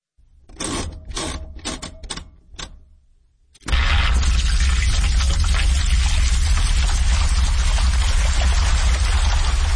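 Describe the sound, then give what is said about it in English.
Sounds from a household washing machine turned into music with some electronic effects: a run of about six sharp, rhythmic mechanical bursts, then a loud, steady churning roar with a deep rumble that carries on to the end. “made an album entirely with sounds from a household washing machine, along with some electronic effects”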